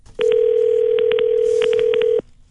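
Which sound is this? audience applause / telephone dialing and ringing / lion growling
telephone dialing and ringing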